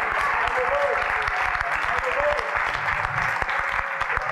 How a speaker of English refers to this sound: Alléluia, applaudissez le Seigneur.